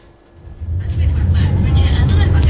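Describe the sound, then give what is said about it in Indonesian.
Road traffic noise from a video of a traffic jam swells in after a quiet start, becoming a steady, loud low rumble of engines with a broad hiss of passing vehicles filling the rest of the moment. “kembali berbagi informasi terkait dengan lalu lintas. Tadi ada video yang disampaikan, saya tampilkan di visual radio.”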